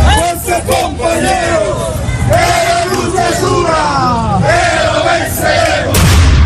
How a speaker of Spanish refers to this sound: Con petardos y consignas llegó a La Paz la marcha de protesta de la Central Obrera Boliviana, cuya exigencia para dialogar con el gobierno es que se deje sin efecto la orden de detención de sus líderes, como afirma este manifestante.